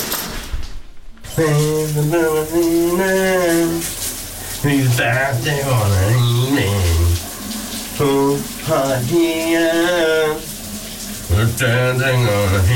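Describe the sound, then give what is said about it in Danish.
A man sings a melody loudly in the shower while the shower runs steadily in the background, the water's hiss continuing under his voice through short pauses between phrases. “Dagens brusebadshit er klar”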